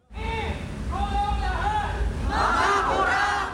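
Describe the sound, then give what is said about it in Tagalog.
A large crowd of protesters at a protest rally shouts and chants together, many voices overlapping in a loud, sustained roar with rising and falling cries, building louder toward the end. “Samot-sari man ang pinaglalaban, malinaw ang sigaw ng taong bayan sa mga naganap na kilos protesta.”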